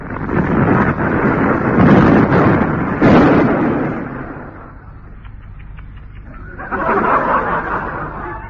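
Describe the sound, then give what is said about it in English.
Depth charges set with time fuses by a saboteur explode, blowing up a tug: heavy underwater-style explosions roar out in a long, deep rumbling blast that slowly subsides, then a second booming burst erupts after a brief quieter lull. “He's already admitted that he'd set these depth charges with time fuses. The last three are due to blow up in 5 minutes from now.”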